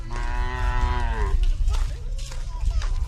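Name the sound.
water buffalo mooing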